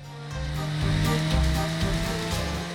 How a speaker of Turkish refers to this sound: Hemen fark ettiğim ilk şey çok sesli olması. Evet, çok sesli. Arkamda sadece 1.3'lük bir motor var. Ama bu 1.3'lük olan oldukça sesli bir motor ve bu yüzden çok ama çok güçlü çalışmak zorunda.